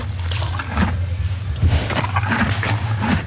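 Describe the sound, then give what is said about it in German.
A white horse, Picobello, an 11-year-old Belgian stallion in the rearmost stall box, slurps and sucks water from a bucket in steady gulps, with a low rumbling breath and soft rustling as it rubs its nostrils on the straw, no voices present. “Ein Schimmel, wo Wasser aus einem Kübel sauft und die Nüstern am Stroh reibt.”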